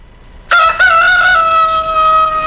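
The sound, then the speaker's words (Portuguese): A rooster named Godofredo crows loudly, a single long cock-a-doodle-doo that starts with a short break and then holds a strained, ringing note to the end, with no talking. “Esse galo é tão inteligente que só não fala pra não pagar boleto.”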